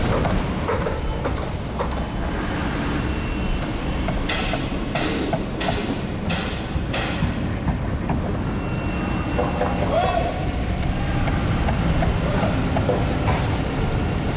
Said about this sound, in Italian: Sentite come il martello pneumatico si accorda con le scavatrici, mentre la ruspa fa da sottofondo. Che arte, che arte!